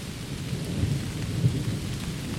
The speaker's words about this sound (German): Hoch oben in den Bäumen prasselt der Regen auf die Blätter und kommt bei uns hier unten erst nach und nach an.